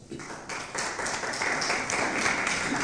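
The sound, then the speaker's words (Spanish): An audience applauding together, a dense, steady crackle of many hands clapping that swells slightly and holds at a fairly loud level throughout, with no voices standing out. “Un aplauso, por favor.”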